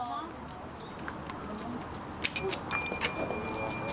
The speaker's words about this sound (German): Mit dem Läuten des Glöckchens stellt der Priester die Verbindung zum Überirdischen her. Er ist ein Mittler zwischen Göttern und Menschen.